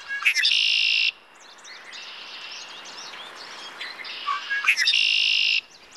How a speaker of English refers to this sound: You know, when I hear the red-winged blackbirds, you know, they're whistling, and I think they're whistling to say, get off your duff and go fight against climate change, partner. So they keep me inspired.